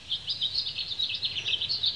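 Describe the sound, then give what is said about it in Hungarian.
A blackbird chirps in a garden in late summer, hopping around and pecking, in quick, repeated high twitters that run steadily through the whole moment, moderately loud over a soft low background hum, with no voices. “Jár ide egy rigó. Körbeugrál, csipeget.”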